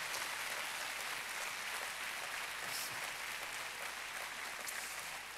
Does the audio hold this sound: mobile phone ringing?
no